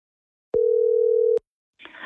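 A single steady electronic ring tone on a phone line, lasting under a second with a click at each end, followed by a brief rustling noise as the line picks up.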